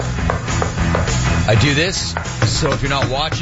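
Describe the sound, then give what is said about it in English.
A man talks over a series of quick, hollow knocks as a plastic Old Trapper beef jerky container, the Tower of Beef, is banged repeatedly, the taps coming in a loose, steady rhythm beneath his voice. “that is the sound of me paying homage to the iconic plastic Tower of Beef, Old Trapper.”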